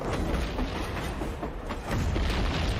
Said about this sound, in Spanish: Las piezas superpesadas de artillería que se movían por ferrocarril dispararon para pulverizar la retaguardia rusa, impidiendo la llegada de sus refuerzos al campo de batalla en el que seguían combatiendo los divisionarios del Regimiento Español 262.